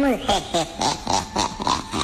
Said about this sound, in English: Your cat. Oh, man. Come on now. That's your cat. That's what come on. That's the what they're doing. That's your noise that your cat's making.